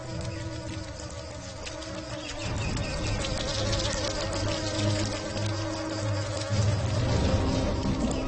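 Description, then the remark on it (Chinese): A steady insect whine of newly emerged adult mosquitoes in flight, with layered buzzing tones that swell slightly louder partway through and hold continuously to the end, with no voices. “不久之后，它们就成了会飞的蚊子。”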